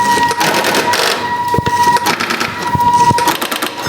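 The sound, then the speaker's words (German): A telephone number being dialed on a line reaching Tübingen, after the area code: a busy mechanical clatter with a steady high tone running through it, broken by several sharp clicks. Nobody speaks. “Genau, und jetzt wähle ich dann die 444.”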